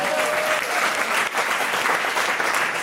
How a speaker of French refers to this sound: Quelques applaudissements me remonteraient le moral.